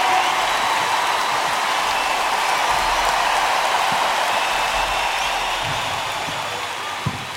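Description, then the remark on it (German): Steady, dense applause from an audience fills the whole stretch, a continuous crackling wash of many hands clapping at an even loudness, tapering slightly toward the end with one sharper clap. “Applaus!”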